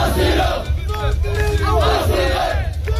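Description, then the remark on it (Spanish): A large crowd of migrants in Ceuta shouts together in a loud, continuous chant of "asilo" (asylum), asking the Spanish government to grant them asylum, many voices rising and falling in repeated cries over a dense rumble of noise. “Lo que gritan es asilo, piden al gobierno español que les conceda el asilo en nuestro país.”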